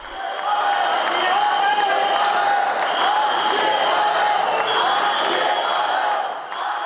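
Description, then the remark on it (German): At a Czech commemoration for the victims of the invasion, a large crowd roars steadily for several seconds, a dense wash of voices with shrill whistles as some spectators boo President Petr Pavel and rhythmic chanting of his name woven through, loud and continuous before easing slightly at the end. “Während einige der Zuschauer Staatspräsident Petr Pavel auspfiffen, skandierte eine große Menge seinen Namen.”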